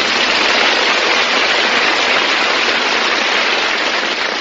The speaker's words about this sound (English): Hey, that's pretty tricky, miss. You open the door and the neighbors applaud. It's really something. All the houses on radio programs have built-in applause, I've noticed.